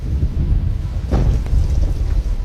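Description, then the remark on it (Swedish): Steady rain hisses under a low, rumbling roar, with a heavier burst of noise around the middle like a thunderclap rolling through. “I bakgrunden hörs ljudet av regn och oska som ibland blandas med ljudet av granater.”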